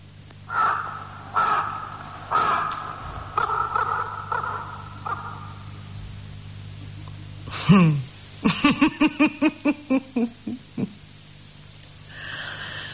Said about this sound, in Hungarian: Maga a holló is rekedt, mely falaim közé károgja Duncan végzetes útját.